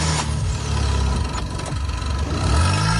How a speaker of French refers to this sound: Une fois les deux voitures ainsi reliées, démarrez le véhicule équipé de la batterie en bon état et laissez tourner le moteur quelques instants, puis essayez de démarrer la voiture en panne.